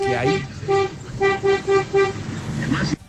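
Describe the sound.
A car horn honks in a rapid run of about five short, even, high-pitched toots, loud and steady in pitch, with people talking just before and after.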